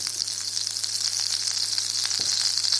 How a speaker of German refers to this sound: Die Pfanne ist heiß, also schütte ich das rohe Ei mal da rein. Erstmal steigt ein bisschen Dampf auf und es zischt. Das ist das Wasser, was verdampft.